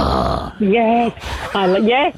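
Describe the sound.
A person mimics a Staffy dog with two gruff, drawn-out vocal sounds, each low and throaty with a slight wavering pitch, separated by a brief breathy rasp.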